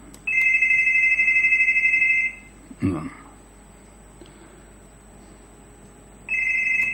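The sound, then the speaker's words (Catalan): A telephone rings with a sustained electronic tone, sounding twice with a pause between bursts, fairly loud; a short voice sound occurs in the gap. “Com és que no ho sent jo, el telèfon?”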